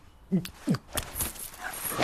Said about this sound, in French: Oh là, abruti de chien.